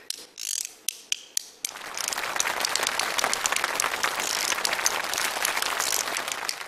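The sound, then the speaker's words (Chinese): Two small bamboo clapper boards, called shouyuzi, are played on stage, striking several sharp, separate clacks, then breaking into a fast, steady rattling roll of clicks that continues to the end. No one speaks. “手玉子就两个小竹板，你看上面 能打响吗？”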